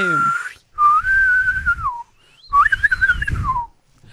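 Two loud whistled phrases from a person, each held on a steady tone that wavers and slides downward at the end, separated by a short pause, with a low rumbling background underneath.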